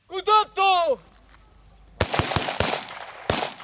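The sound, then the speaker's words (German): A short shouted command in Spanish is followed by a quick, irregular volley of about six loud, sharp gunshots cracking over a low rumbling background, as soldiers run across grass and shoot at targets stuck in the ground during an exercise at an improvised military training ground in northeastern Ukraine. “Ein paar Soldaten rennen über das Gras und schießen auf in den Boden gesteckte Zielscheiben.”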